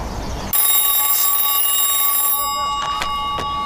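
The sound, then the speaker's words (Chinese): A loud telephone bell rings in one continuous metallic burst for about two seconds, then stops abruptly, followed by a few faint clicks and thumps; an incoming call to a telephone in Jiuyanggou village. No one speaks. “稍等一下啊，接个电话。”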